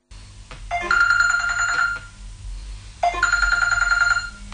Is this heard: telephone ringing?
yes